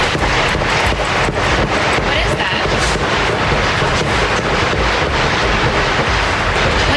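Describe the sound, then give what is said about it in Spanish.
A rapid series of sharp gunshots cracks outside the White House, the official residence of the US president, through heavy, constant wind and outdoor noise, the bangs repeating irregularly and blending into a dense, rumbling background. “una reportera de la cadena de televisión NBC, que preparaba su crónica para el informativo de la tarde, ha escuchado los disparos”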